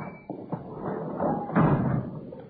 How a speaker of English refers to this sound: Oh, yeah, gotta shove that door hard. Sticks a little.